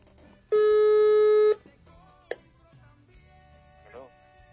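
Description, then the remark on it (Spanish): A single loud, steady telephone ringback tone sounds for about a second as a caller is dialed, then cuts off, leaving quieter background sounds with faint voices. “A ver, va, vamos a marcarle.”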